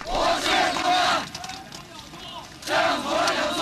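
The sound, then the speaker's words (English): A huge protest crowd of about 100,000 students and workers in Tiananmen Square shouts slogans such as "Down with dictatorship!" in unison, two loud chanted bursts separated by a brief lull of rumbling crowd noise. “A 100,000 students and workers in the world's largest square, in defiance of government plans to seal off the area for Hu's official funeral, shouting, "Down with dictatorship!"”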